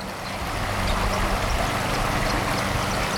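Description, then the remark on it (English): A steady, continuous rush of the Water of Leith flowing beneath the Bells Bridge by the Stockbridge Colonies in autumn, a broad even wash of noise with no breaks and no voices. “So we're just walking over the Bells Bridge from the Stockbridge Colonies over the water of Leith, sort of all collected with the oranges and the bronzes of the autumn leaves collecting in the eddies,”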